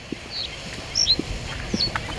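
Scattered soft hoof clops from a herd of horses moving slowly while grazing in a field, irregular, with a few high bird chirps and a low outdoor rumble behind them.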